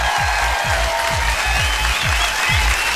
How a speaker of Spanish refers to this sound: Aplauso para ellos, por favor.